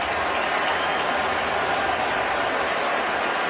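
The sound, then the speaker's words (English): A loud, sustained roar of the Seattle stadium crowd cheering after Dre Greenlaw is kicked out of the game against the 49ers in the second quarter, a dense wash of voices and applause that holds steady without pause for the whole few seconds. “And he gave the Seattle crowd and this team a reason to cheer twice.”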